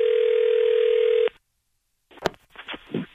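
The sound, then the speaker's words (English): A steady telephone dial tone hums for over a second, cuts off into brief silence, then short bursts of line noise and clicks follow as a prank call to a department store's customer service connects. “It's our phone prank, the phone, Jibba.”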